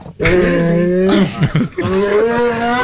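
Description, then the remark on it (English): A pig lets out two long, drawn-out, low-pitched calls, loud, in a played recording, the second following a brief pause with a few rough grunting breaks between them; right after the first call a handler can faintly be heard saying "easy". “That's right, you go, power pig.”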